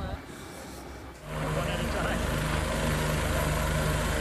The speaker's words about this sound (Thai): ขณะที่วิดีโออีกชิ้นจากผู้เห็นเหตุการณ์ก็บันทึกภาพขณะที่เจ้าหน้าที่พร้อมด้วยเฮลิคอปเตอร์ค่ะกำลังเข้าไปอพยพผู้คนออกจากภายในอุทยานในช่วงวันเสาร์ตามเวลาท้องถิ่นหลังจากเกิดเหตุน้ำท่วมฉับพลันรุนแรงขึ้น